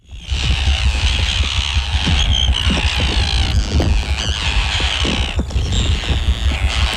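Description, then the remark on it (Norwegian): Harsh, grating tern calls overlap nonstop as many birds scold at once, their shrill rasping cries rising and falling over a steady low rumble, with no one speaking. “Men for de som ikke kjenner de her fuglene så godt, så har vi funnet frem litt sånn lyd, bare for å gi et lite bilde på tær når de gir ordentlig lyd fra seg.”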